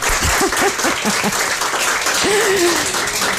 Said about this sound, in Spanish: Podemos aplaudir para que se note que estamos aquí. Venga.